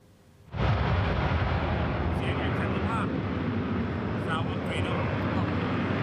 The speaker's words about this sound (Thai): เสียงเครื่องบินรบที่สร้างความอุ่นใจให้ประชาชนหรือที่เรียกว่าเสียงแห่งเสรีภาพ Sound of Freedom จากเครื่องบินรบกว่า100เครื่องสิ้นสุดลงแล้วพร้อมปิดฉากการฝึก Pitch Black 2026ที่เมืองดาวินประเทศออสเตรเลีย